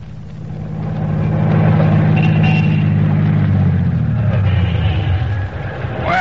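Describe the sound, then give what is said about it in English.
An old car engine chugs loudly, its mechanism squeaking and rattling as if it badly needs grease, then the motor slows and winds down near the end. “Doc, get this car in shape. It sounds like it hasn't been greased in a year.”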